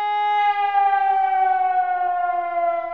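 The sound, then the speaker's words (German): A civil defense warning siren, the warning signal sounded on a day when all warning systems are tested, sounds steadily for the whole stretch, a loud sustained wail with a rich stack of harmonics, its pitch drifting slowly downward with no voices present. “So klingt zum Beispiel das Warnsignal, das auch viele noch aus früheren Zeiten kennen.”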